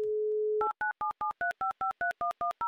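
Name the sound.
telephone number being dialed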